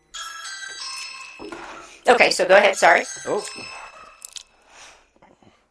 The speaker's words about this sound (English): Oh. New face at the front door. Sorry. Somebody's ringing my doorbell. So let's wait for that to stop.